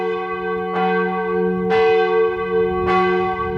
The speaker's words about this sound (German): Mittagszeit. Die Glocken der kleinen Kirche sind weithin zu hören. Im Tal herrschen sommerliche Temperaturen, aber auf 1650 Metern, so hoch liegt Ftan, ist es noch recht frisch.